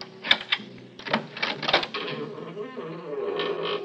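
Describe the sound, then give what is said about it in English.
A newly made key scrapes into an apartment door lock and turns, with a series of sharp metallic clicks and rattles, followed by a softer, drawn-out mechanical creak. “I stood listening for a long time before I slipped one of my newly made keys in the door.”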